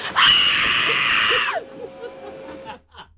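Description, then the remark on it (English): A loud, high-pitched human scream bursts out and holds for about a second and a half, then cuts off, followed by faint murmuring and a quiet breath. “Just give me the scream.”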